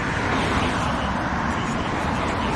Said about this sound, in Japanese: ちょっと雨が結構強くなってきましたね。